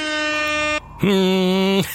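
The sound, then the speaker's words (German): Two loud, sustained air horn blasts, each lasting under a second and separated by a short pause. The second blast is brighter and buzzier. There is no talking. “Das ist das schönste Geräusch, ne? Die Tröte.”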